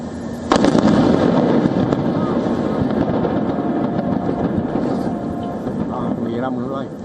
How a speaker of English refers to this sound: Videos from the scene captured the moment of the explosion. A loud blast echoed across the coastline, followed by thick black smoke billowing above the water.